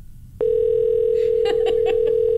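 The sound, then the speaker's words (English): A steady, loud telephone dial tone switches on abruptly, then a quick run of four or five short keypad beeps sounds over it as a number is dialed to call back a line that had hung up. “Hey, I called a number, you said. I'm going to call him back.”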